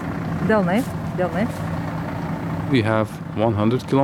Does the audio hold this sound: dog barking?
no